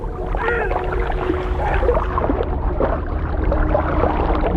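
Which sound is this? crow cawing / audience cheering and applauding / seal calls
seal calls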